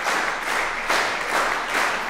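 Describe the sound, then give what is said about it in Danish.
A large concert audience applauds as the musicians bow, the clapping swelling into a rhythmic, unison beat with regular pulses, with whistling. The sound is dense, fairly loud and continuous, with no voices speaking. “Men inden da, der skal vi i hvert fald lige have musikerne op og bukke endnu en gang for publikum, der klapper taktfast, kan I nok høre. Og pifter også.”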